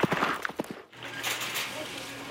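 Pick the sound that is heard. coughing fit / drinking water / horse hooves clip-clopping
horse hooves clip-clopping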